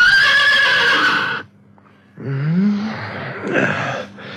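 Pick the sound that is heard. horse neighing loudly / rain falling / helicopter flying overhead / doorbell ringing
horse neighing loudly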